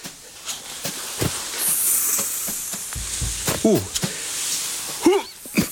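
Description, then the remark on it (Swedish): A snake, Ormis, gives a sharp, airy hiss for under a second, mixed with scattered clicks and knocks, while a voice lets out short exclamations before and after it. A father tries to catch the snake with a rake, a forked snake stick and a bucket. “Ormis väser och slingrar sig.”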